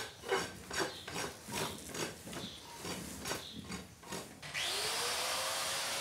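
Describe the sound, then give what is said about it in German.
Rhythmic scraping strokes on a hard surface, then an angle grinder whirs up into a loud, steady high-pitched whine as it cuts into a cloven hoof during a hoof treatment carried out at the same time as an examination. “Pediküre mit der Flex.”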